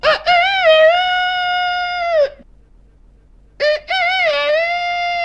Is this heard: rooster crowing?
yes